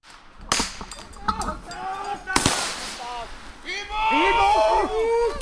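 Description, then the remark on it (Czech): Several sharp, loud bangs like gunshots and blasts ring out, mixed with scattered cracks, followed by anguished cries and moaning of the wounded that grow louder toward the end, during a military exercise simulating an attack at the Dukovany nuclear power plant, on a smoke-covered forest road. “Slyšet jsou nejenom výbuchy, ale také sténání raněných.”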